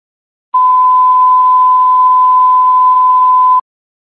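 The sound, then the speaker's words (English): A single steady fire alarm assessment tone from the Philadelphia Fire Department radio, WNGM 836, sounds at a fixed high pitch, loud and continuous for about three seconds, then cuts off cleanly, with faint static hiss beneath it and no voices. “Okay, you fire alarm assessment tone from the Philadelphia Fire Department, WNGM 836, clear 1810.”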